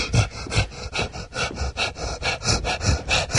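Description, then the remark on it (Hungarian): Heavy, rapid panting, about a dozen quick breathy huffs in a steady rhythm, fairly loud, with no talking over it. “Nagyon ragaszkodóan lihegett.”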